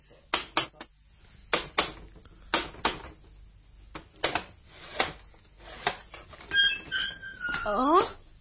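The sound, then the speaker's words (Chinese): Sharp knocks on a door, struck in quick pairs and small clusters with short pauses between, growing more insistent, ending with a brief high-pitched squeak. “你既然有胆来到门口了，为什么不够胆敲门呢？”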